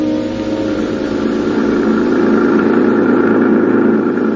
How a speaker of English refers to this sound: heading back toward the city in the government jeep, leaving behind us the wrecked plane, the crushed trees, and the lonely slope on the mountain.